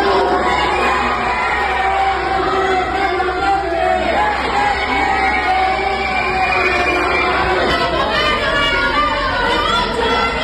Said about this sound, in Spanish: Escuchemos a continuación el ambiente en medio de insultos.